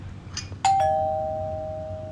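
A two-tone doorbell chimes once, ding then dong, sharp, the second tone ringing out and slowly decaying over a low hum.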